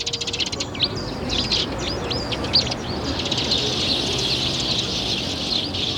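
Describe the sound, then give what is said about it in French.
A busy chorus of sparrows chirping at a café terrace, many quick overlapping tweets, fairly loud, over a steady outdoor hubbub with no clear voices. “On peut jamais boire son café et manger un petit croissant en terrasse sans que tout de suite vous débarquiez, les moineaux.”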